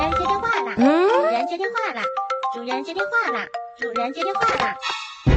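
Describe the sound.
A novelty phone ringtone plays loud: bright electronic melody notes mixed with a high, cartoonish sing-song voice repeating in Chinese "Master, answer the phone!", with sliding pitches and chirpy tones running continuously for several seconds.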